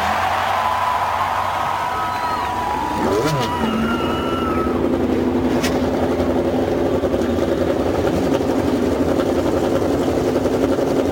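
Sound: race car engines starting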